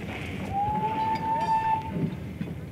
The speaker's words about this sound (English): I heaved an inward sigh of relief when the train resumed its journey.